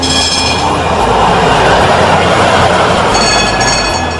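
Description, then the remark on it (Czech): A horse-drawn tram rolls steadily along rails with a loud, continuous rumble and faint metallic ringing, unbroken throughout, with no voices. The tram, carrying 28 passengers, departs from Ferhadija toward Marijin Dvor. “Tramvaj je otišao u pravcu Marijin dvora, a na Ferhadiji, mjestu gdje će se kasnije izgraditi prava gradska tramvajska stanica, ostalo je 28 pari cipela.”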